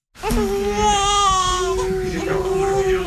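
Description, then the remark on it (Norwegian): A newborn baby no more than a day old, in the maternity ward of Telemark Hospital in Skien, Norway, wails in one long, loud, continuous cry with a strained, high-pitched tone, unbroken for a few seconds with no other voices. “Han ikke mer enn et døgn gammel, men har fått med seg sin aller første VM-kamp.”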